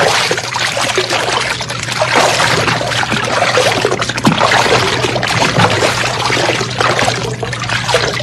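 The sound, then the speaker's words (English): Continuous sloshing and splashing of river water about a foot deep as two people wade in with their shoes off, steady for several seconds with no one speaking. “Slip off your shoes. I want you to check something with me, so come on. The water's only about a foot deep.”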